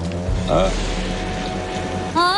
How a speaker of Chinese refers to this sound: 下雨了。